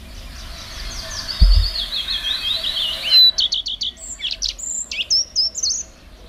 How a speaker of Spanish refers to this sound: mientras escuchamos al colirrojo real, que ya comenta él que es una de las aves abundantes en esta Sierra de las Nieves. En verano.